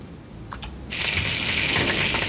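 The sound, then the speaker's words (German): After a brief clink, water starts pouring steadily from a tap into a pot, a continuous hissing gush that stays fairly loud until the end, with no talking. “Wenn wir es ein kleines Wasser tun, wahrscheinlich.”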